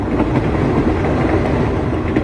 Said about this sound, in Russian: Скорый начал притормаживать, мимо Мирка пробежал проводник, громко объявляя, что поезд подъезжает к станции Трнава.